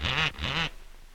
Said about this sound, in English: Who taught that parrot to do that? Stop it. Stop it. Stop it. Stop it.